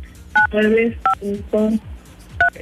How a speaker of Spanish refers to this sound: tú marca desde tu dispositivo móvil 953